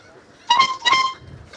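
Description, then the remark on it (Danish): A boat horn, sounded with the boat's owner, plays a piece of music for a listener to guess: two short, bright honks in quick succession, their pitch shifting slightly like the opening notes of a tune, fairly loud against a quiet background with no one talking. “Og han vil nu sammen med ejeren af båden Trutte Dytte et stykke musik, som vores lytter, der har ringet ind,”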